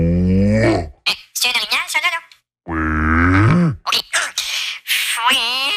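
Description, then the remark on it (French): A man imitates a moose call with two long, loud, nasal moaning bellows that bend in pitch, separated by short bursts of speech-like vocal sounds. “Des chasseurs plus paresseux préfèrent caler l'orignal directement par téléphone.”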